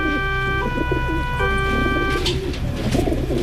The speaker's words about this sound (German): Es gibt ja Menschen, die kriegen bei diesem Geräusch hier schon sofort Aggression. Ja, das sind Tauben.